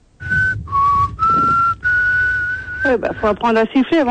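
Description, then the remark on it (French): Someone whistles a few wobbly, breathy notes in short bursts, the pitch wavering and unsteady, before a voice starts talking near the end. “Tu sais même pas siffler”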